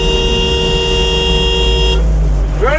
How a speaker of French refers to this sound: Ça bouchait tout de suite à l'entrée de la ville. Quoi. Les gens étaient beaucoup moins énervés à l'époque. On était dans des bouchons, bon, il y en a quelques-uns qui klaxonnaient.